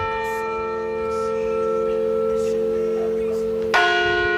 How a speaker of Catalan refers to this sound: Aquest és el toc de difunts, Clara, quan el sentis vol dir que s'ha mort algú